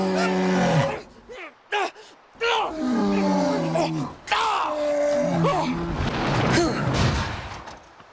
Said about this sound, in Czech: Co to bylo? Tiše. Co je? Medvěd.